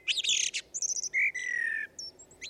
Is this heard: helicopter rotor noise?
no